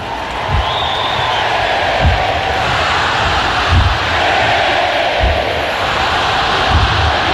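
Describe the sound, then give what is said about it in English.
A large crowd, with a big student section, cheers loudly and continuously on a Saturday night in South Carolina at an FCS school, fired up by celebrity starter Colonel Mike Shirley; a dense roar of many voices, with heavy low thumps landing roughly every second and a half like rhythmic stomping. “And he looks perfectly at home, getting this crowd fired up.”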